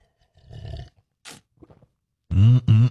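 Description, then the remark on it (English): A noisy sip of a hot drink and a short airy slurp, a few small mouth clicks, then a loud, drawn-out satisfied "ahh" exhaled, on a Friday morning. “All right, let's grab a little coffee, a little juice, and a low J, whatever you need to get your day off to a good start here on this Friday.”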